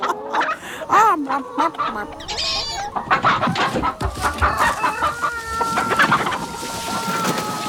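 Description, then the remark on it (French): Several hens cluck busily and overlapping, with a rooster's crow rising among them, fairly loud, with no talking; the hens are hiding from predators while the rooster faces them. “Les poules se cachent pendant que le coq fait face aux prédateurs.”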